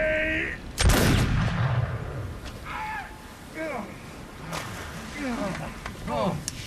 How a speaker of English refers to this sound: I missed Hands and struck another. Give me another musket. A warning shot like that should keep the hands down long enough.